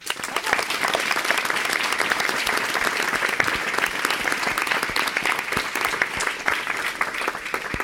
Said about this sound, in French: Durant ces deux semaines, vous les avez croisés. Il faut les applaudir.